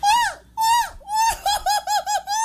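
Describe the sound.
A voice imitates a shrill, high-pitched grito: two long wavering cries followed by a rapid run of short, loud yelping bursts, ending on a sustained note.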